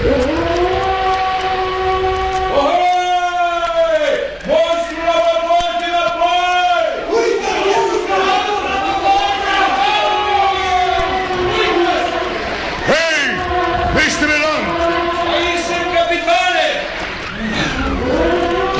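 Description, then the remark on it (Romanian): A whale bellows loudly in a series of long, drawn-out moaning calls, each swelling and bending in pitch, one after another over a rough, rumbling background. “Ai auzit multe balene mugind? Multe, capitane, dar niciuna atât de tare ca asta.”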